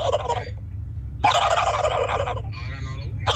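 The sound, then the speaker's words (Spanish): A person shows off a turkey-gobble imitation as a hidden talent, in several loud, rapid warbling bursts with short gaps between them, over a low background hum. “mi talento oculto es hacer como pavo.”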